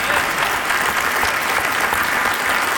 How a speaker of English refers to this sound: We applaud, but in all reality, folks, this is not a dramatic announcement.